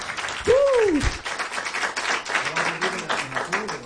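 An audience applauds with dense, steady clapping for a few seconds, while a single rising-and-falling vocal whoop cuts through early on and faint murmuring voices sit underneath.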